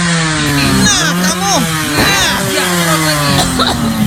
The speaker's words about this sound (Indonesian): Bukan asap penalpot motor lagi. Ya udah matiin itu motor.